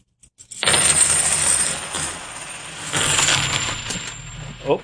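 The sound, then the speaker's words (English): A cascade of 90% silver coins pours and clatters onto a hard surface, a dense metallic jingle lasting several seconds, fairly loud, with a final bright clink at the end. “And again, these are the 90% silver coins.”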